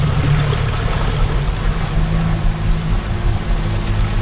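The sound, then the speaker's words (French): A boat engine drones steadily and loudly throughout, its low rumble blending with rushing water and wind noise, unbroken, with no voices. “Puis c'est probablement aussi ce qui rend le festival aussi spécial, c'est de faire le spectacle sur une île qui est juste accessible, évidemment, par bateau.”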